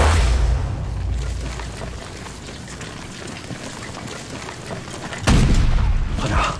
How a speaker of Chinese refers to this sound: 敌人的炮声越来越清晰了，说明咱们离他们的重炮阵地越来越近了。 刚才咱们还能看见鬼子的炮烟，现在只能听到炮响，炮烟也看不见了。